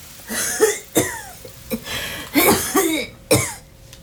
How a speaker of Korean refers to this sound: 집안에서 기침 소리가 들렸다.